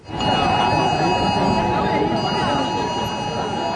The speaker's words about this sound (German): Ja, die Handys, die piepten hier tatsächlich auf maximaler Lautstärke. Und zwar egal, ob jemand das Handy vorher auf leise oder lautlos gestellt hatte oder auch nicht.